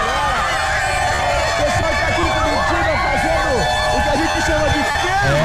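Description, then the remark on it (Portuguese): A large crowd of Spain football fans in Curitiba celebrates their team winning the championship, with a loud, continuous wash of overlapping voices shouting and cheering throughout, individual calls rising and falling within the dense babble. “Torcida da Espanha feliz da vida lá em Curitiba.”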